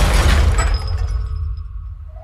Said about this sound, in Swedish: Människor börjar skrika när bilen skenar och till slut kraschar rakt in i ett skyltfönster.